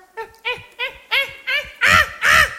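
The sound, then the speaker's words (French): A voice mimics a caveman with seven short, throaty grunts in a steady rhythm, alone, the final two louder and longer. “Les hommes des cavernes communiquaient par grognement.”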